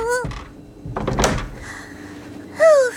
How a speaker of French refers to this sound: Ferme vite la porte.